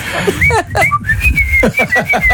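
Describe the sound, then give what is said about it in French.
A father whistles a bright, well-known melody in the morning outside a bedroom, a run of short notes followed by longer held ones, over a low background rumble, with no talking. “Mon père, il siffle devant notre chambre le matin.”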